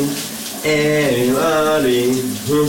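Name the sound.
shower running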